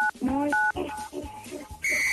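A rapid series of phone keypad tones as 987 is dialed on a phone, each a short dual-pitch beep, pressed in quick succession, ending with a longer steady tone.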